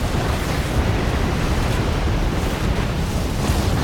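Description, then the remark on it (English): A loud, continuous roar of water surging out of cracks in a monstrous wave as a concrete dam crumbles, steady with a deep, rumbling low end, with no voices present. “Water shoots out cracks, then surges forth in a monstrous wave as the dam crumbles.”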